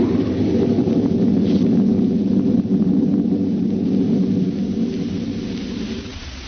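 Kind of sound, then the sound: nature, thunder crash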